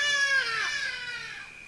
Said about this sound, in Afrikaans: As die hadie daar oor huis vlieg en sy angs roep oor die vallei skree, sê hulle dat iemand gaan sterf.